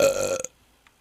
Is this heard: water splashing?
no